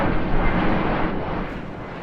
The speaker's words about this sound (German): Der Blick in den Himmel von Delhi vermittelt derzeit noch ein anderes Bild. Tag und Nacht kann man annähernd im Minutentakt Flugzeuge beobachten und hören.